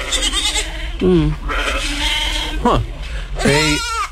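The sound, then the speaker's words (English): Goats bleat, three loud, wavering calls in quick succession over a steady background hum, each cry trembling and rising before breaking off. “The advice goats are here, okay.”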